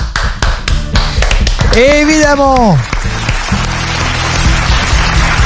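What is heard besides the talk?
applause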